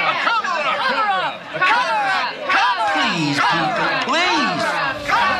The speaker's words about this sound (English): The mayor left in short order. But while Tom Riley was being booed off of one stage, his rival for the job of mayor, Dr. Regis Blaggard, was being cheered on another stage and then nearly fell off it.